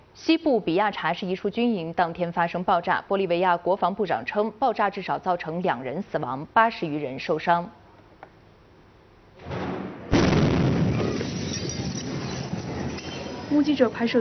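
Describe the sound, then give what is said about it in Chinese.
A man speaks for several seconds, then after a brief lull a sudden loud blast from an explosion at a military barracks in western Bolivia erupts into a sustained, roaring wash of noise that continues to the end. “目击者拍摄的现场视频显示，爆炸瞬间腾起巨大黑色浓烟，周围民众慌忙逃跑求生。”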